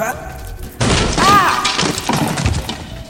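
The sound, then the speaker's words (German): A loud, sudden crash as a small old wooden chair breaks apart into its pieces, with splintering cracks and clattering pieces that continue for a couple of seconds before tapering off. “Und der Stuhl zerfällt in seine Bestandteile.”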